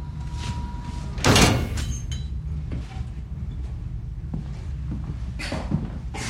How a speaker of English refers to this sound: She's shown into a stark white-tiled room, and the metal door is closed behind her.